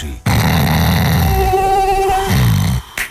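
A loud mosquito whine drones steadily for about three seconds, its pitch wavering slightly, then cuts off abruptly.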